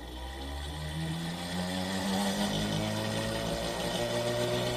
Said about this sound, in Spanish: Vamos a escuchar cómo se oye esa bobina de Tesla.